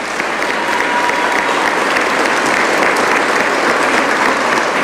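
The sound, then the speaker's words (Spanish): A crowd claps steadily and loudly for about five seconds, a dense, even wash of many hands with no voices rising above it, applauding young children for their work. “Realizamos un aplauso para nuestros pequeños, que hacen un excelente trabajo.”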